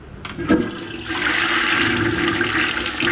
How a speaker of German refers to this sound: Was hier gerade im Abfluss verschwindet, ist für Professor Uwe Schröder keineswegs nur Abfall. Denn in diesem Wasser steckt Energie, sagt er.